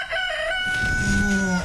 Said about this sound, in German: Für den Start in den Morgen einen Hahn ans Bett bestellen?